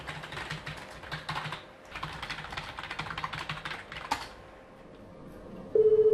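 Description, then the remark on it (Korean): Brisk keyboard typing clatters for several seconds, then stops, and a steady electronic telephone ring begins loudly near the end, sustained, in the duty office of the Nam-gu district office. No one speaks. “어, 전화 받아보시겠어요?”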